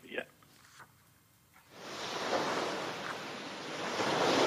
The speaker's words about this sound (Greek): Και έτσι λοιπόν, εμείς φίλες και φίλοι, θα σας αφήσουμε με την πιο όμορφη θάλασσα.